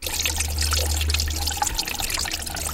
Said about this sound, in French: Ce bruit de ruisseau que vous entendez, c'est le Rittigraben. Mais ce ruisseau peut devenir torrent.